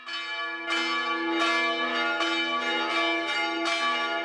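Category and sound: signal or alarm, wedding church bells ringing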